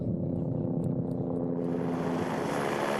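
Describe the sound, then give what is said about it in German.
Steady, loud helicopter noise heard inside the helicopter carrying the avalanche dog Kami, a continuous engine drone with a low rotor hum that grows slightly brighter and more hissing partway through. No one speaks. “Und im Heli drin war es eigentlich normal wie in einem Auto.”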